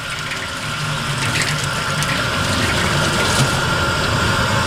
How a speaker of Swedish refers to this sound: Bra flöde. Och det var just det som jag ville testa, hur bra flöde det är och hur mycket kraft det finns i den här slangen.